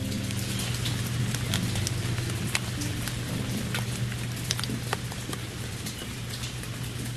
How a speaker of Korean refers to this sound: 빗소리가 가득 울리는 저녁이었다.